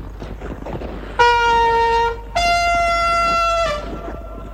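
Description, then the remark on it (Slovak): A hand horn is blown as a signal, sounding two long, loud blasts, the second held longer and slightly lower in pitch than the first, with a short gap between them. “Tu je trúbka. No si zatrú.”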